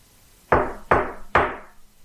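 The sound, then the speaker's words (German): Three firm knocks on the wooden front door of a house, evenly spaced about half a second apart, each with a sharp onset and brief decay, fairly loud with no voices. “Da hörten wir laute Männerstimmen vor der Haustür. Es klopfte.”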